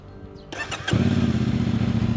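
A modified motorcycle with a non-original exhaust, recently seized by the Shunyi traffic management detachment, cranks briefly, then roars to life with a loud, throaty exhaust, settling into a deep, pulsing idle.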